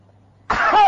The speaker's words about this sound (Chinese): 你告诉我，都是丹田，咔一咳嗽不？ 那没问题，没问题，大点劲儿，大点劲儿。 痰嗽一声。